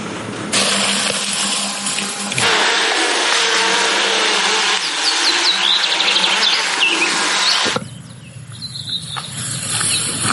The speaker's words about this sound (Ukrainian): Десантники йдуть на бойове завдання. В небі – навчальні дрони, які імітують атаку.